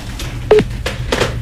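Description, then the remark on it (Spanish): Four short electronic tones of a cell phone being dialed to call someone back, spaced evenly over about a second, moderately loud over a faint low hum. “te llamo de vuelta porque no dejaste sonar el celular.”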